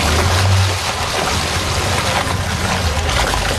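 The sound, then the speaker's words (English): Police patrol boats from Toronto Police, the OPP, Peel and Durham Regional Police idle and move through the water of Toronto Harbour in the morning at the Toronto Police Marine Unit, a low engine rumble under steady, loud splashing and wash, with no one speaking. “there is an impressive fleet now bobbing in the water of Toronto Harbour this morning at the Toronto Police Marine Unit”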